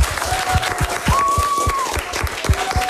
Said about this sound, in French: Bravo, on vous applaudit, vous partez en finale.